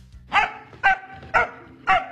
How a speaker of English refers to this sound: Okay, listen to this once again, this dog.